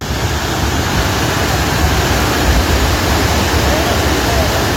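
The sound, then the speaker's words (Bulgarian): A loud, continuous roar of rushing floodwater as the Shashka river overflows its banks after a storm in the southwest, a huge flood wave coming down from the mountains and carrying everything away, dense and unbroken, filling the whole stretch without pause. “Водата отнася всичко по пътя си.”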